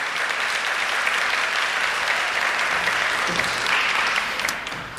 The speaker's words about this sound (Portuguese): Beija a sua Bíblia, vamos aplaudir a palavra bem forte, mais forte que você puder. Isso, isso.